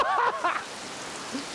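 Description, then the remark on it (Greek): Steady heavy tropical rain in the Maldives hisses as a dense, even wash of noise, with a brief burst of voice at the very start before the downpour carries on alone. “Βρέχει φουλ, μετά βγάζει ήλιο φουλ και όλα καλά.”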